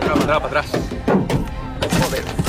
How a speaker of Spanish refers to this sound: Esto que escuchan está grabado desde dentro de un coche con una multitud fuera lanzando piedras contra ese coche, apaleando los parabrisas. Dentro del coche viajaban tres personas.